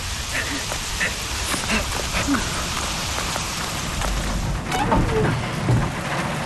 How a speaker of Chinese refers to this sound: 哥，下雨了，怎么办呀？ 走，我们去屋檐下躲躲雨。